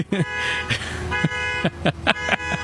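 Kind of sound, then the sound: vehicle, car alarm honking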